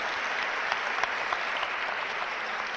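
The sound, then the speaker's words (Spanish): An audience applauds steadily for a few seconds in praise of Jesus, a dense wash of many hands clapping at an even level with a few sharper claps standing out, and no one speaking. “Por eso el aplauso es para Él.”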